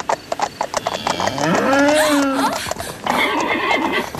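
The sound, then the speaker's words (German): A single drawn-out cow moo rises and falls near the middle, loud, after a run of light hoof-like taps, heard during a moonlit horseback ride; no one speaks. “Eine Kuh. Nur eine Kuh.”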